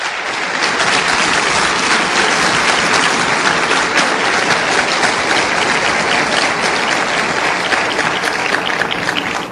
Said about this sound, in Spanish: Démosle un aplauso pues fuerte al Señor Jesús.